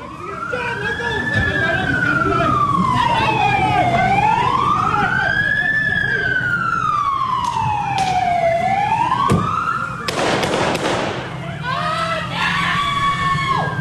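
A crowd of people at a protest yells and screams while a loud emergency siren wails up and down, with a burst of louder shouting near the end, in the moments leading up to shots being fired.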